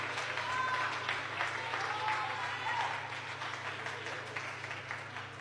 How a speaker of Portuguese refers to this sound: Podeis assentar e aplaudir ao Senhor se você sentir bem forte, bem alegre e bem feliz.